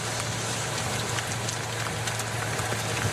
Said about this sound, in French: Oui, cet orage va-t-il accompagner longtemps les coureurs ? Où s'agit-il d'une simple averse passagère ? Trop tôt pour vous le dire. Ils en prennent une petite là, quand même.